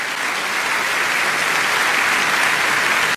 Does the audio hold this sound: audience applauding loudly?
yes